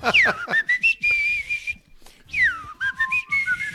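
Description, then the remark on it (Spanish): A person whistles a song melody, sustained tones with sliding pitches broken by short breaths, pausing briefly midway before picking the tune back up. “Tendría yo que silbar, mira.”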